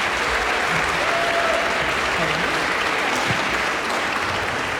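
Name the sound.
audience applause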